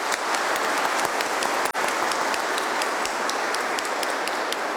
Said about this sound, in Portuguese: Então vamos acolhê-lo com uma salva de palmas, né?